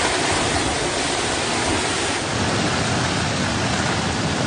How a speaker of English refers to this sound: Making landfall off eastern China, bringing 144-kilometre gusts and leaving entire towns deserted. Winds so strong with the downpours to match, hundreds of flights are cancelled and some high-speed railway services halted.